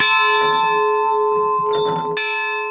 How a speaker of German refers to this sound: Kann man da oben dann die Glocke läuten? Na, ja, wenn ihr wollt, könnt die Glocke auch läuten. Doch erstmal gilt es, die wackelige letzte Treppe hochzukommen. Die Glocke ist durchaus laut.